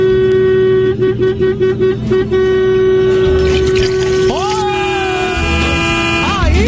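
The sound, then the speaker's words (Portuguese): A car horn honks loudly, first in a quick series of short rhythmic beeps, then in a long sustained blare that continues to the end, with faint voices underneath. “A buzinada que eu quero ver.”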